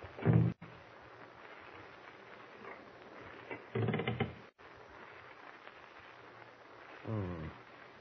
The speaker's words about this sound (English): Someone at the door. Shh. He's trying to open it.